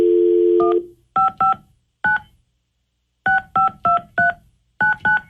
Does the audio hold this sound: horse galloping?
no